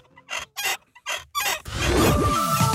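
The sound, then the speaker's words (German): Rusty squeaking from the neck of a nodding dachshund toy (Wackeldackel) from the 1970s/80s, kept in a cellar for over 25 years: four short, raspy creaks in a quick rhythm, then a longer shrill squeal that wobbles up and down in pitch. “Also über 25 Jahre im Keller, da kann es schon mal etwas verrostet quietschen im Genick.”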